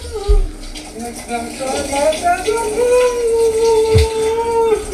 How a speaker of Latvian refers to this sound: Tā ir duša? Duša, jā.